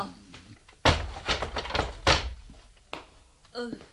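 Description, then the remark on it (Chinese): A door leading to prison cells is opened with two heavy clunks and some rattling handling noise between them, followed by a brief voice near the end. “好啦好啦吓，谅你都唔敢呃我嘅，等我开门啦吓。”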